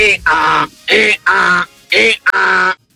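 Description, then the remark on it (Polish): A caller from Kujawsko-Pomorskie on RMF Maxx radio imitates an angry donkey braying in loud, harsh, strained bursts, about five of them in quick succession, each with a raspy, nasal edge and short gaps between. “A ten to się wkurzył nie, strasznie. To jest osioł, który marzy o karierze jako kierunkowskaz.”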